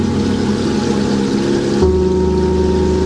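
A loud, steady machine drone with a low, throbbing rumble and strong tonal harmonics, from a machine shredding water hyacinth at a dam in San Mateo La Turba. The pitch shifts abruptly partway through, then settles into a smoother hum.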